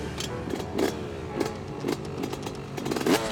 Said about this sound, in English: When you ride it, it's a big difference, the sound and the feel. A two-stroke has that typical buzzing sound.